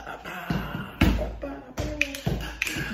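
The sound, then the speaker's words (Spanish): Feet tap out a quick little dance at home, half a dozen sharp knocks on a hard floor in an uneven rhythm, over faint background noise. “Mira, entro, abro la puerta, me echo un baile allí.”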